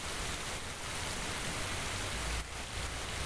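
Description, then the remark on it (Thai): Steady, dense rain hisses continuously across the whole stretch, a broad wash of falling water with no distinct drops standing out and no voices. “นายหุ่นกับคนเรือหลบฝนอยู่ตามจำเป็นเถิด”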